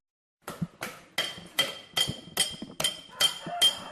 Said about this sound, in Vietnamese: Giữa không gian yên tĩnh của thôn Bào Trúc, xã Ninh Phước, tỉnh Khánh Hòa, tiếng búa nhỏ gõ nhịp lên mặt bạc vang lên đều đặn, không ồn ào như tiếng máy móc trong các xưởng cơ khí.